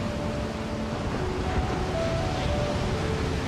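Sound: ocean waves and surf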